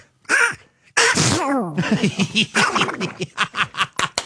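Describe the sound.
A man imitates Donald Duck sneezing: a sharp sneeze burst followed by a rapid string of raspy, quacking squawks that speed up into short choppy bursts, loud and close.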